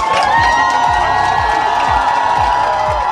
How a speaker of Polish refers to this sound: To było iście królewskie powitanie, a zgotowali je mistrzom Europy polscy kibice. Były głośno krzyki 100 lat i gromkie dziękujemy.